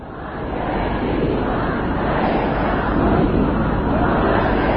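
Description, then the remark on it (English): A large crowd of mourners in the city of Mashhad shouts slogans together during funeral proceedings, a dense, continuous roar of many voices, loud and steady throughout with no individual words standing out. “Well, we can hear there more mourners filled the city of Mashhad for the last several days of funeral proceedings.”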